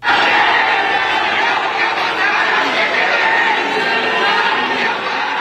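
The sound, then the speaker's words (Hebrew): A large crowd at Seoul airport boos and jeers at the returning South Korean national football team after its group-stage exit, holding signs showing the coach as Pinocchio. Dense, continuous shouting and jeering voices, loud and without a break. “עם קריאות בוז וחס, אוחזים בשלטים שמציגים את המאמן כפינוקיו עם אף מעוות וארוך, ואומרים, תחזיר את הכסף ותסתלק, דורשים פירוק מוחלט של התאחדות הכדורגל הדרום קוריאנית.”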